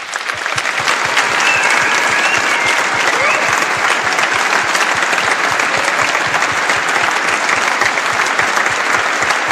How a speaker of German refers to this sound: Aber einen riesen Applaus bitte für alle Bereichsleitenden.